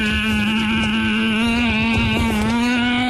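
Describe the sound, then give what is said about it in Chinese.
A person makes a steady, buzzing motorcycle engine noise with their voice, imitating riding off on a motorcycle to escape: a loud, continuous drone lasting about three seconds whose pitch creeps slightly upward near the end. “好不容易跳出去了，发现前面有一辆摩托车，咱们骑摩托车逃跑， 骑摩托车逃跑。”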